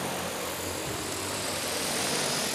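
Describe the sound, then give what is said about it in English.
A large vineyard spraying drone lifts off with a steady, dense whirring roar of spinning rotors, loud and unbroken, holding level and swelling slightly toward the end, with no voices. “Stand back we're and all, prepare for we're takeoff.”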